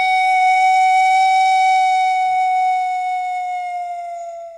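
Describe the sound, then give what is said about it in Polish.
A pan flute, a row of pipes set side by side, each pipe giving a different pitch, holds one long, bright note at a steady mid-high pitch, rich in overtones, which sags slightly and fades at the end. No voices are heard. “Cało inac funkcjonirujo tak pominiona panowa flejta.”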